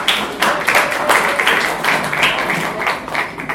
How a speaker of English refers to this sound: We decided to listen to that comrade. So, please, can we clap for him, please?